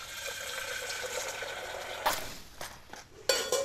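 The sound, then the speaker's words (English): Steady running water in a kitchen, broken by two sharp metallic knocks of a frying pan being handled and set down, with no one talking. “And then I need a frying pan so I can fry off some wild mushrooms for the garnish.”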